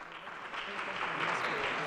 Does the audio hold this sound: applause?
yes